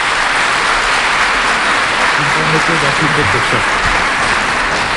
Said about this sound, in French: Vos applaudissements me font plaisir, mais j'explique toujours aux enfants le vrai sens de l'applaudissement quand nous sommes, dans une assemblée chrétienne.